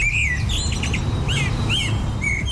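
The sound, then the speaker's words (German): A blackbird sings a series of fluting, warbling whistled phrases, fairly clear, over a steady low rumble of outdoor background noise, with no voices. “Die Amsel ist also die Nummer 1 Zwitschervogel.”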